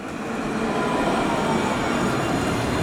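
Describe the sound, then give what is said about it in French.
A tram rolls on its tracks along a city tram line at a busy crossroads near the Rosbertin stop, a loud, steady rumble with a metallic rail hiss that holds at full strength for the whole stretch, with no voices. “Elle les a retrouvés sur la ligne du tramway à un carrefour très emprunté, près de l'arrêt Rosbertin.”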